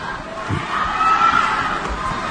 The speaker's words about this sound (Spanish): La gente grita, ¿eh?